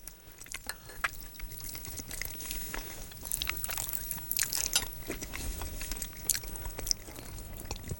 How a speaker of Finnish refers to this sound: Tää on tämä maiskutus, mitä ei saanut kuulua.